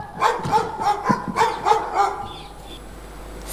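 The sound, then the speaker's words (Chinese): A dog barks fiercely in the middle of the night in a rapid string of about seven sharp barks, then falls quiet, leaving a faint background hiss. “更半夜这狗怎么叫得这么凶啊？”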